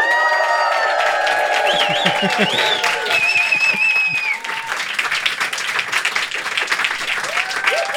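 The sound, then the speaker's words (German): A live studio audience in Böhlitz-Ehrenberg, in western Leipzig, breaks into sustained applause with scattered cheers and whistles, loud and dense throughout, easing slightly partway through while the clapping continues steadily. “Es ist die allererste Folge vor Publikum.”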